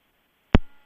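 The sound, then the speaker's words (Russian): A single short telephone busy-tone beep sounds loudly and briefly after quiet line hiss as a caller's connection drops during a phone-in, then fades quickly, with no talking. “Так, к сожалению, связь оборвалась.”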